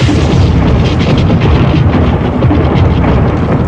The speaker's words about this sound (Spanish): El trueno es el ruido que hace el relámpago. Al calentar el aire, a menudo hasta 55.000 grados Fahrenheit, el aire se expande